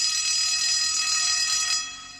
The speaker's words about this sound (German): Es ist ein warmer Sommertag. Man hört die Pausenglocke der Realschule.